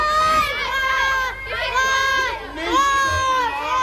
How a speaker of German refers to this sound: Nachdem alle Kinder befreit waren, gab es natürlich zunächst einmal großen Jubel.